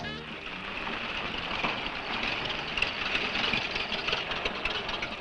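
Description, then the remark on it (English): The engine of old man Harris's car, a deuce, idles steadily, a continuous even rumble with a faint mechanical whir on top and no clear speech, holding the same level for about five seconds. “Man, that fella has a jewel of a car.”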